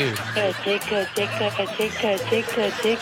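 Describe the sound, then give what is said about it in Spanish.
A child's voice makes a rapid, stuttering scream in quick repeated bursts, imitating machine-gun fire. The staccato pulses run continuously for about three seconds, loud and high-pitched. “Aquí está esta criaturita que se avienta el grito ametralladora y, por cierto, también le sale muy bonito el cuchi, cuchi, cuchi.”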